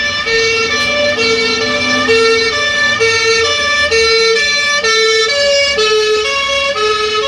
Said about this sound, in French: Par exemple, quand on entend la sirène d'une ambulance qui passe devant nous, on a l'impression qu'elle passe des aigus aux graves, alors que bien sûr, il n'y a aucune variation. Ça donne ça.